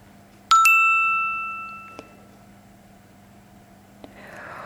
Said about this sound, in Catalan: I rebem missatges. Notificacions.